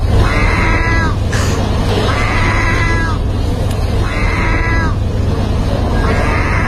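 A gull in Turkey at a cat-biscuit vending machine, trying to get food, gives four drawn-out, cat-like mewing calls at a steady pace, each a wavering high cry, over a constant low hum of background noise.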